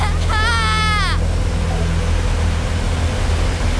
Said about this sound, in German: Und plötzlich bin ich beim Wehr. Ich schaue ins Wasser. Es ist so laut. Ich höre mich selber nicht mehr denken.